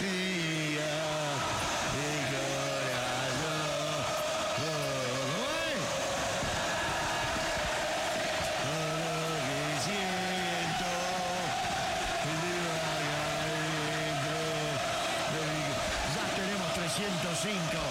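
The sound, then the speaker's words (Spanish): A large crowd of Boca fans in a stadium chants a repeated, rhythmic melody in unison during a match against Central Córdoba, the many voices merging into a loud, steady roar with rising and falling sung phrases throughout. “Combina con Maciel, como es, lo de los hinchas de Boca, escuchá.”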